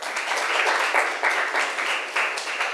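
Students in a classroom clap steadily for a classmate after a presentation, a dense patter of many hands that holds an even loudness for a few seconds, with no voices over it.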